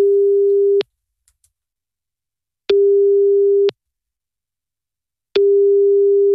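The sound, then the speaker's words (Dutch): A telephone busy signal: a steady low electronic tone pulsing on and off in long beeps, about a second each with pauses between, loud and clear with no voices. “Het eerste telefoongesprek ooit vond vandaag plaats in het jaar 1881.”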